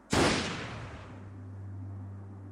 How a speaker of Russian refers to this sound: Тогда у Гранта блеснул красноватый свет и раздался выстрел.